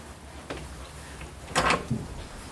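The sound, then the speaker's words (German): A door opens with a short scraping, rattling burst of noise, preceded by a faint click and followed by a soft low thump, against a quiet, rumbling background. “Open this door?”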